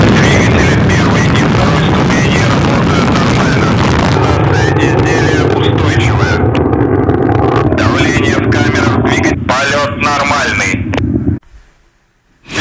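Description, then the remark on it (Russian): The launch roar of a Soyuz-2.1b rocket carrying the Progress MS-35 cargo ship: a loud, steady, crackling rumble with heavy low-end that holds for about eleven seconds, with faint voices underneath, then cuts off abruptly into near silence. “Тебя, да, такой мощный звук ракеты?”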